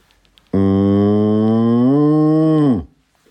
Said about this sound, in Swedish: Och sen lugn ko då, eller? Ja, precis.